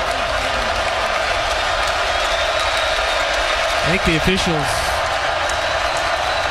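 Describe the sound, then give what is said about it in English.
A large stadium crowd at an American football game roars continuously while the game clock is being reset, a dense steady wash of cheering and noise filling the whole stretch, with a commentator talking over it. “What he's doing is he's allowing this crowd to make more noise.”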